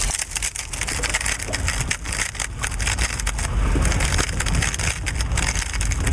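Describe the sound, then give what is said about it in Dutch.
Many Rubik's Cubes being twisted rapidly at once by competitors at the European Rubik's Cube Championship in a sports hall in Arnhem, a dense, continuous clatter of plastic clicks and ratcheting with no pauses. It stays steady and fairly loud throughout, with no talking. “Vandaag gaat het Europese kampioenschap Rubik's Cube van start.”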